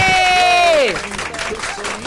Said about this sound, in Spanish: Un aplauso para Lucía.